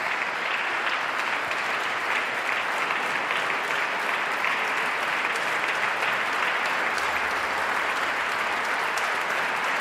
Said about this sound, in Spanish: Martina Batic aplaude emocionadamente al compositor. El público en pie. Paolo Pinamonti, el director del festival, también aplaude entusiasmado al compositor.